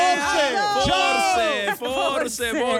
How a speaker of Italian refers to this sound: Vedete, a fatica va veramente a rilento il pullman per cercare di arrivare in Piazza del Duomo, dove poi saliranno su a Terrazza 21 proprio per, insomma, festeggiare il tutto. Questo è il coro dei tifosi dell'Inter.